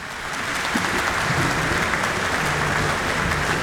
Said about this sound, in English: The applause is welcoming Eckhard Proy, who is now on stage for Symphony No. 6 in A minor, subtitled Tragic, by Gustav Mahler.